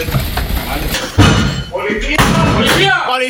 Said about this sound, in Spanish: Es el momento en el que con un ariete agentes de la Policía Nacional echan abajo la puerta de un piso de Jerez en una acción que ha permitido detener a 5 personas acusadas de vender cocaína a domicilio.